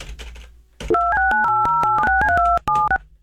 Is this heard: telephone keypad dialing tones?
yes